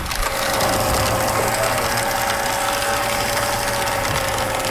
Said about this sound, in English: it's a hydraulic press with a custom bit